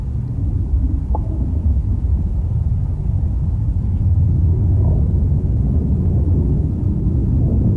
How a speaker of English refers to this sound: I want to play a sound of a storm now, and I want you to explain to us what we're listening to.